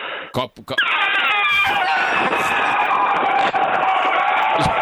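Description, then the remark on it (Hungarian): A person loudly imitates an elephant's trumpeting: a few short bursts, then one long, blaring, strained cry that wavers and slides in pitch for several seconds. “Jó, hozom az elefántot.”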